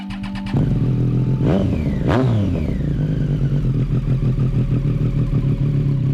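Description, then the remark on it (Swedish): A motorcycle engine kicks in, revs sharply twice, then settles into a loud, steady throttle as it pulls away, with no voices: Bob Dylan hopping on his motorcycle and riding off on a Friday morning in July 1966, clouds slightly shading the sun. “Molnen skuggar solen en aning när Bob Dylan hoppar upp på sin motorcykel och åker iväg.”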